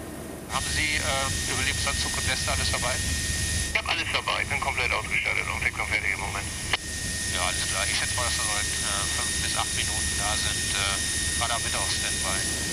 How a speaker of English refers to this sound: The hardest part will be to hoist the pilot into the helicopter on a cable.